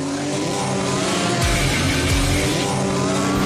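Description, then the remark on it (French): A loud race car engine roars and revs continuously, with tires squealing against the pavement as it accelerates, at an obstacle course race for cars and pickup trucks. No voices are heard. “AIM Recyclage présente les courses d'auto et de pick-up à obstacles Jean-Marc Benoît Rémax à Irlande Saint-Ferdinand.”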